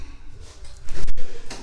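The first door into a bar's vestibule is opened: a couple of sharp clicks and a rattle as the latch releases, followed by a rush of steady background noise.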